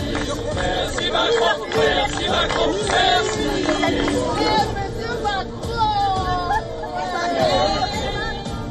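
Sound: crowd chatter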